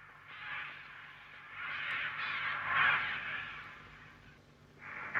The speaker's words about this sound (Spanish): Otra vez los cuervos.